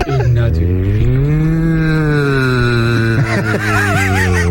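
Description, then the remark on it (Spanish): Ignatius Farray lets out a loud, muffled guttural scream, a long low droning bellow held for about three seconds before breaking into shorter, wavering higher-pitched cries, with no talking. “Es el ruido, es el grito sordo de Ignatius Farray.”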